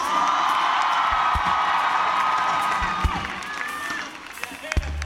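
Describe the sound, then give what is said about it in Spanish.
A crowd applauds loudly and steadily, a dense wash of clapping with cheers and whoops mixed in, thinning slightly toward the end, applauding an electric bass player from Decatur, Alabama. “Fuerte el aplauso para Mr.”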